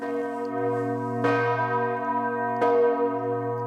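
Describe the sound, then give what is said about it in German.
Large church bells ring loudly on the full hour, two heavy strikes about a second and a half apart over a dense, sustained hum of overlapping tones that keeps droning between the strokes. “Wer zur vollen Stunde hier ist, kriegt ordentlich etwas auf die Ohren.”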